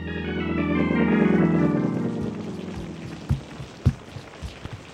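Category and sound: nature, rain falling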